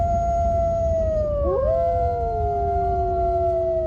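Wolves howl in long, sustained, overlapping wails, one voice sliding down while another rises, steady over a low rumble of background noise.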